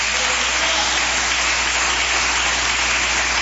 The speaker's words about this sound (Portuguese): Palmas que glorificam o Rei da Glória.